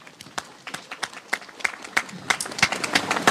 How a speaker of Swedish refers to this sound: Och framförallt till er tappra kommunvalskandidater som står här nu och samsas under paraplyerna på ett jättefint sätt. Alltså, tack för det. Och om det är någon kvar så gärna en applåd till de här kandidaterna.